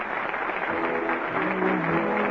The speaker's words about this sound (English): The curtain on the last act of the night, you play from the little theater off Times Square. Listen to that ovation. The audience likes it.